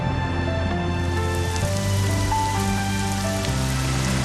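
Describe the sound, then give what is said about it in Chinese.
Steady rain pours down in a dense, continuous hiss, fairly loud throughout, with a soft sustained musical drone beneath it and no voices. “快下雨了，咱们回屋啊”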